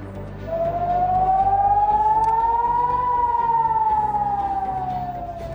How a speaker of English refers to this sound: That is sirens going off a short while ago in Haifa.